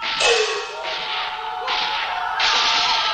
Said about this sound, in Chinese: 枪声也不对，哼哼，又是试探。